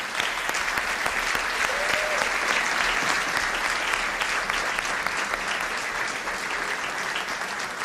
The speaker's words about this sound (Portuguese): Mais uma salva de palmas.